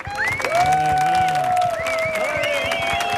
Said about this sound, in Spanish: Fuerte el aplauso